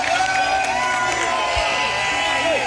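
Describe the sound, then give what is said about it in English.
A large crowd of thousands, many in kilts, cheers and shouts steadily outdoors on the Common as Craig Ferguson enters, reaching out to touch him and spraying champagne. A dense wall of overlapping voices with scattered whoops rising above the roar, loud throughout. “Craig Ferguson is like a rock star as he enters the Common with thousands of people, many in kilts, cheering, reaching out to touch him, and spraying champagne.”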